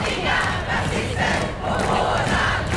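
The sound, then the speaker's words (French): A large crowd shouts and roars in loud, sustained waves at a rally on the central square of Stockholm, Sweden, voices blending into a dense outdoor din with surging peaks every second or so. “Sur la place centrale de Stockholm, l'ambiance devient quelque peu électrique lorsque 5 jeunes hommes s'imposent devant la foule avec une pancarte anti-immigration”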